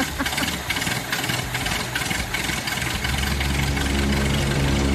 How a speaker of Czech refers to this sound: nám zařídil moderní luxusní klimatizaci, takže si myslím, že je na čase si ji pustit. Tak, to chvíli trvá, ale pak to bude dobrý.